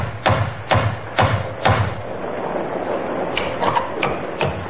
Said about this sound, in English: Henry helped Elizabeth out of the worst of the rain, handed her a fine little terrier named Patsy, which Elizabeth had insisted on bringing with her, and then knocked on the door of Webley's Inn.